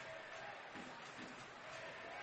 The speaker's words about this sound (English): Hear that crowd in the Estapinal end. Trying to push the boys forward in this final 6 minutes of play.